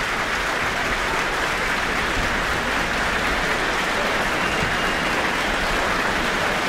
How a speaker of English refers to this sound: Lots of cheers from the audience immediately.